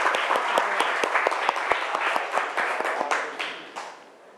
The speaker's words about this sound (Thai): ปรบมือเพื่อนก่อน